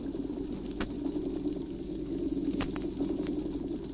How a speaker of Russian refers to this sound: Тра-та-та-та, тра-та-та-та, играет рыбий оркестр. А в ответ им целый хор голосов. Рыбы-барабанщики поют свое, а рачки Алфеуса, рыбье поживо, мелкие рачки свое.